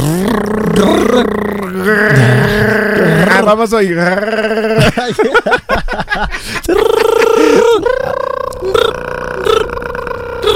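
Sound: voice imitating cicada buzzing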